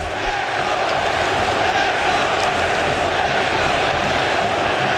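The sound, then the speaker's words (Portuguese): A large stadium crowd of Cruzeiro football supporters roars and chants the name of player Wesley steadily and loudly for the whole stretch, a dense wall of massed voices with no pauses, heard from within the stands. “Gritando o nome do Wesley, que acabou de chegar e já chegou marcando um golaço.”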